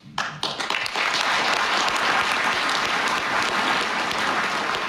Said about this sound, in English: That applause went on for a couple of minutes, if I remember correctly, or at least it felt like a couple of minutes. It was so moving.